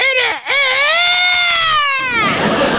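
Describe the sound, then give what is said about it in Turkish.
A person imitates a rooster crowing: a short voiced yelp, a brief break, then one long, loud, high-pitched wavering note that holds for about two seconds before trailing off. “Madem öyle, evet, o zaman şimdi bir horoz gibi ötüyoruz.”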